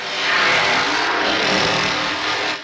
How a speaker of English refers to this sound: But the chainsaw is always a good one because the chainsaw's got that sound.